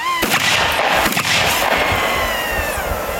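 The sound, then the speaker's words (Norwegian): A few sharp gunshots crack out irregularly as reservist soldiers hold morning shooting practice outside the city of Imatra, Finland, near the Russian border, with sustained rumbling echoes and a steady high-pitched whine running underneath. No one speaks. “Og det er heller ikke lyden av skudd.”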